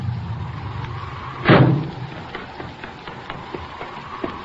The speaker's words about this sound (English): Hey, listen. Here comes a car.